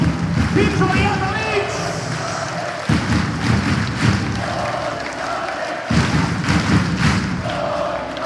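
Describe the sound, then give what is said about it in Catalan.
The crowd in the stands of the Garbí Arena chants 'Don Ivane' in unison, repeating it about three times in a steady rhythm, over a loud, dense bed of cheering and clapping, during a trophy presentation. “La pròpia grada del Garbí Arena cantant Don Ivane, Don Ivane, eh?”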